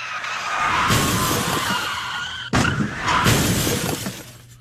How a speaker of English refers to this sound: You totaled a car and the 6 police cruisers, which is better than last month's incident.